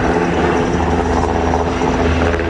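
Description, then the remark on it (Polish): An S-70i military helicopter supporting a special forces group in a ferry-recapture operation flies by, its loud, steady rotor thrum and engine whine filling the whole stretch without letup, with no voices. “W działaniach bierze udział grupa specjalna z Formoza przy wsparciu śmigłowców S-70i Zespołu Lotniczego Jednostki Wojskowej GROM.”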